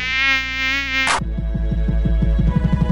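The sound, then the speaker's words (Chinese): Many flies buzz in a loud, steady, whiny drone for about a second, drawn to someone who skipped washing their hair to save water, then cut off abruptly with a short burst, followed by a low rhythmic pulsing. No one speaks. “你马帮帮忙，那有人像你，省水省到不洗头，难怪招来那么多苍蝇。”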